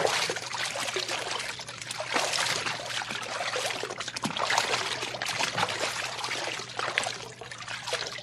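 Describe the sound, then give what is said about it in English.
Steady splashing and sloshing through shallow water about a foot deep, with irregular bursts as if feet are moving through it. The watery churning continues throughout, with no one speaking. “The water's only about a foot deep.”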